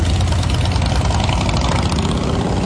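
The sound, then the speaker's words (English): A motorcycle engine idles steadily, a loud, continuous low rumble with a throbbing texture and no voices over it. “And the 87th annual Sturgis Motorcycle Rally doesn't begin until tomorrow, but many bikers are arriving early.”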